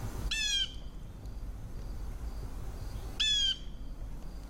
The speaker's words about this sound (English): We are now listening to a blue jay noisily, boisterously calling out.